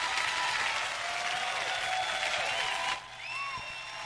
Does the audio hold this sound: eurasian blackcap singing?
no